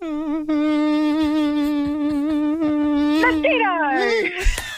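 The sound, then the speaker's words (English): A voice imitates a mosquito's buzzing: a steady, nasal, high whine held for several seconds, then wavering and sliding in pitch before a short sharp burst at the end. “Mosquito!”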